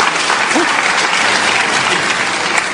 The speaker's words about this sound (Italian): Facciamogli un applauso di incoraggiamento.